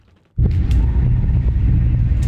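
After a brief near-silence, a loud, deep boom from a missile strike in Kyiv, Ukraine, during an overnight aerial attack, erupts suddenly and rolls into heavy, sustained low rumbling for a couple of seconds, with faint crackles on top.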